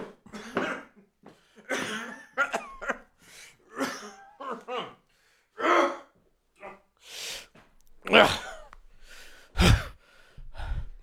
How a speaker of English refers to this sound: You didn't cover your mouth the entire time you walked over here coughing and sneezing.